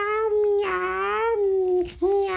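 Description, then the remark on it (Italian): A person voicing a little horse character imitates a cat with a drawn-out, whiny meow that bends up and down in pitch, then a short break and another meow, loud. “Lallo, come mai miagoli?”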